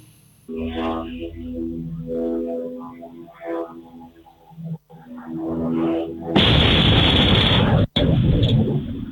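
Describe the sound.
A man speaks steadily, then a drone explodes, recorded by surveillance cameras: a sudden loud, harsh roaring blast that stays intense for about three seconds with a brief cutout, distorted.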